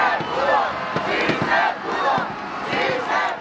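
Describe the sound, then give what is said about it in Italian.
A large crowd in Mexico chants loudly in celebration of an underdog team, many voices rising and falling together in a steady, rhythmic shout of "Sí, se pudo" that fills the whole stretch without pause. “Rimangono tante emozioni perché una squadra sottostimata che ha superato le aspettative ha regalato preziosi momenti di orgoglio, così come urla la folla.”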